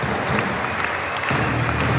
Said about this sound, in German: Und jetzt wird es erstmals laut in der Magdeburger Arena.